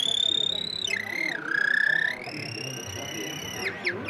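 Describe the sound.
A bird-call whistle imitates a canary with a sustained high tone that dips lower, holds, then rises again before ending in quick chirping flicks, carrying over a faint low background murmur.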